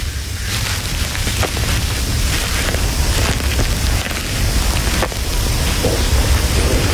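Steady, dense rain pours down with a constant hiss, while low rumbling thunder rolls underneath and a few sharp crackles break through, the storm sounding close and building.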